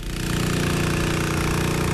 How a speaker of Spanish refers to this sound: Así suena la bomba que no para de descargar agua de los camiones a los depósitos que tiene el valle al oeste vizcaíno. 10 camiones al día.